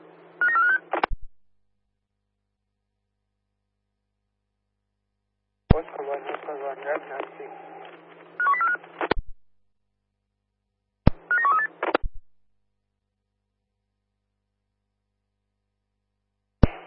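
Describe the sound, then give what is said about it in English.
Short bursts of telephone dialing tones, from a radio operator dialing a phone call, come through a narrow, radio-like channel, broken by stretches of silence, with a longer busy burst in the middle that sounds like muffled voices over the line. “Roger that, Pins, stand by, dialing now.”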